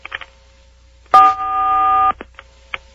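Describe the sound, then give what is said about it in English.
A single touch-tone telephone keypad beep as a caller presses 4 to reach the Art Bell program, a steady dual-pitched electronic tone lasting about a second, framed by faint clicks and handling noises before and after. “Okay, press 4 on your touch-tone telephone now.”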